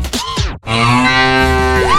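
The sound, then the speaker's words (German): A loud cow moo from a novelty mooing Müllermilch milk bottle: a brief rising call, a split-second break, then a long, steady, droning bellow that fills the rest. No one speaks. “Finde eine der letzten beiden muhenden Müllermilchflaschen”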